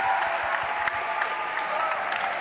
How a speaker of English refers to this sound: All right, give the Lord a clap of thanks.